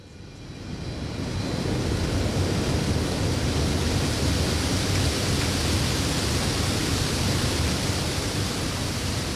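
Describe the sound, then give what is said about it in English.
Seawater sprays and patters down steadily from many little sprinklers at the top of towers at a sea salt harvesting site on the east coast of Tasmania, a dense continuous hiss that swells in over the first second or two and then holds constant and fairly loud, with no voices. “And the top of those towers, there's lots of little sprinklers. They spray the seawater out into lots of little droplets.”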